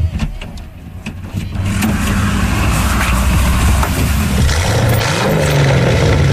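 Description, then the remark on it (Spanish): A few faint clicks, then a car engine starts up loudly and keeps running, its pitch rising toward the end as the vehicle pulls away. No one speaks. “Bueno, pues para responder a estas preguntas, nos tenemos que subir a uno de sus coches.”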